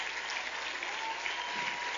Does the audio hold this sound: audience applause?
yes